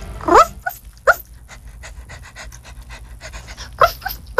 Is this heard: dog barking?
yes